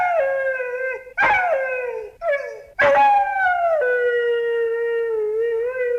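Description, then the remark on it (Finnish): A dog howls in loud, drawn-out, wavering tones as it tries to sing, a few shorter howls rising and falling before one long sustained note, sounding almost like singing. No one speaks. “Päivät pitkät se kuunteli musiikkia ja laulajia, joita se ihaili. Samalla se yritti laulaa mukana.”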